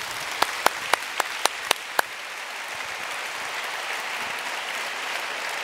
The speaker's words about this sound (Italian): Sì, ci sta un applauso.